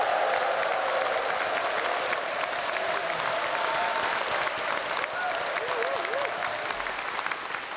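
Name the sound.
audience applause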